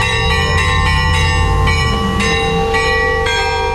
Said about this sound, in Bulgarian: 80 години по-късно празничен камбанен звън отново огласи Главаци.